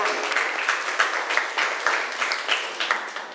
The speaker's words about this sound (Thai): เก่งมากเลยปรบมือให้ตัวเองหน่อยค่ะ